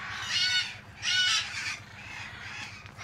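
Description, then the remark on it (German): Harsh, raspy screeches of two male red-fronted macaws in a large aviary ring out in two loud bursts close together, followed by softer, scratchier calls, with no talking over them. “soll aus einer Großvoliere zwei Rotohr-Aras holen”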